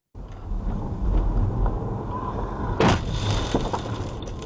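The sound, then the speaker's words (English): A sudden, loud crash as a high-speed e-motorbike rider slams into a car, one sharp impact cutting through steady road and engine rumble, with no voices. “The moment a high-speed e-motorbike rider crashed into John Neal's car”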